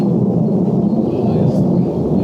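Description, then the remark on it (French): A loud, steady low-pitched roar of an airplane passing overhead, a continuous rumble that holds for the whole couple of seconds without breaks. “C'est l'avion qui est en train de passer par ici.”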